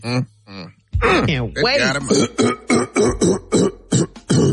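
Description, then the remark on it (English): A man clears his throat in a long, exaggerated, theatrical way: drawn-out voiced rasps and glides, then a quick run of short, loud guttural bursts. “Let me clear my throat.”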